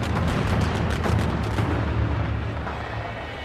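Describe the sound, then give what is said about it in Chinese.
A dense string of firecrackers, set off along the street during a Chinese big-head dog dance, an ancient ritual to drive away pestilence with gongs and drums, crackles and bangs almost without pause, loud, with deep booming rumbles underneath that ease off slightly toward the end. “它是一种古代驱挪逐疫仪式，舞动时敲锣打鼓，燃放鞭炮，沿街扫荡。”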